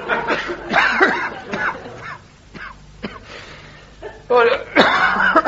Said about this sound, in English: Excuse me, I'm so sorry. I'll say that's a nasty cough you've got there, isn't it, Doctor? Yes, it's... What do you put it down to, then, is it? Oh, I don't know, overwork, you know, not enough fresh air, and smoking, I suppose, smoking too much.